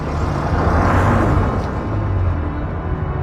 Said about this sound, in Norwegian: Duren fra bilmotoren ble fjernere og fjernere, og til slutt var bilen bare en svart prikk som gled gjennom gatene.